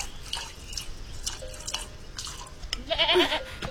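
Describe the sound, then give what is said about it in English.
A nanny goat gives one short, wavering bleat near the end, after a stretch of soft dripping and trickling water sounds. “My nanny goat's milk is not for sale.”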